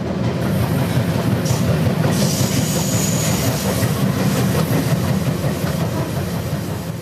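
The Rocky Mountaineer passenger train rolls steadily along the rails with a continuous low rumble and rhythmic clatter of wheels, holding an even loudness throughout, with no voices.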